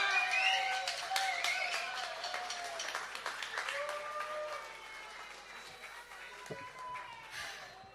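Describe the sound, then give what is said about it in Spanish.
A crowd applauds the band's vocalist steadily, dense clapping mixed with cheers and a few whistles, loud at first and gradually easing off as the ovation continues. “aplauso para nuestra vocalista”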